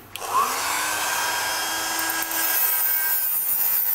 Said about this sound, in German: Ich habe das jetzt mal ein bisschen glatt noch geschliffen, ja, damit die Schleifkanten nicht so scharf sind.